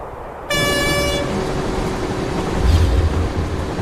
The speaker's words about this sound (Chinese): 大家好，我现在正在列车上。那这趟列车呢，行驶在我国南北重要的交通大干线京沪铁路上。